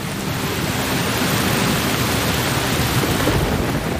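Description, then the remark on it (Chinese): Sparse raindrops quickly turn into a torrential downpour under gathering dark clouds; the heavy rain roars steadily throughout, a dense, loud wash of rain noise with no pauses and no voices. “稀疏的雨滴很快变成了滂沱大雨。”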